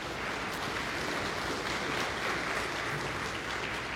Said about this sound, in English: But it's a really exciting thing to be a pastor and having folks going into seminary from your congregation. So that's exciting. On, yes, yay! That's something we can clap for.